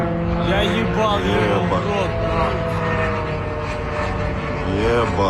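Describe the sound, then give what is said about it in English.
A drone flies overhead over Khimki, a suburb northwest of Moscow, Russia, during a Ukrainian drone attack; its engine hum is loud and continuous for the whole stretch, with voices talking over the buzzing. “Footage posted on social media shows a drone flying over Khimki, a suburb northwest of Moscow.”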